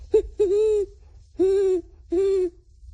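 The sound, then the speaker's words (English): A 12-year-old boy's voice imitates a great horned owl: a short hoot, then three longer, steady hoots in a slow, evenly spaced rhythm, clear against a faint low rumble. “Great horned owl.”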